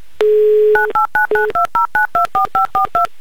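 A phone line's steady dial tone is cut off by a quick run of about eleven evenly spaced touch-tone beeps as a number is keyed in, loud and close with no talking.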